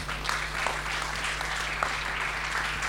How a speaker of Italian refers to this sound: Un'altra targa anche per loro, per l'Associazione Nazionale dei Carabinieri del Nucleo Regionale, ovviamente, di Protezione Civile della Liguria. Eccoci qua, ci siamo. Un bel applauso.